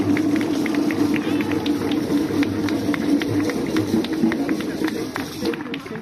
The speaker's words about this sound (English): My sister, let us give you a hand of applause for this wonderful job that he's doing. Thank you, thank you, thank you, thank you.